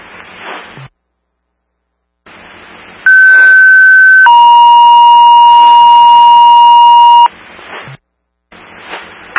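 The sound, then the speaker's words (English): A blown A still alarm tone from landline dispatch, calling firefighters to report to their fire hall, heard over radio static: a single steady high tone, then a louder sustained two-pitch tone held for about three seconds, with crackly hiss before and after. “Repeating the blown A still alarm.”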